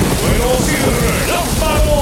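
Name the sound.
rain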